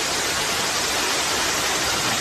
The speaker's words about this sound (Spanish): Y en Haro, en La Rioja, una fuerte tormenta ha descargado esta tarde con muchísima fuerza.